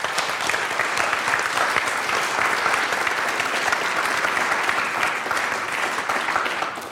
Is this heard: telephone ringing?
no